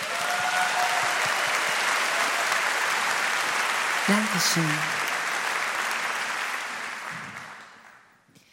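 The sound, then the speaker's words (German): Sustained, dense applause from a crowd fills the space for several seconds, then fades out at the end; a single voice briefly speaks over it midway. “Mach mal bitte Applaus für ….”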